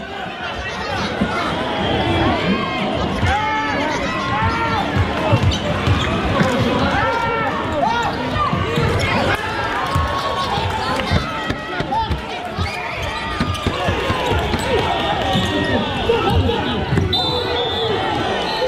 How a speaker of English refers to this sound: The whistle hasn't blown yet. It's the final minute of that David Goliath basketball game. Ashburton's behind by 13 points. The crowd is squeezed around the court lines.